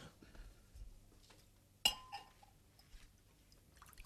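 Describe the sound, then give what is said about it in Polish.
Glasses clink once sharply and ring briefly as vodka is served, with a few softer taps and faint tabletop clatter before and after; no one speaks. “Dalej nam wszystkim po szklance.”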